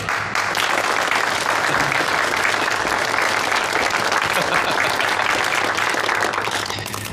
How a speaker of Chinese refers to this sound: 现在，让我们以热烈的掌声，有请日本环球会社的社长广田先生。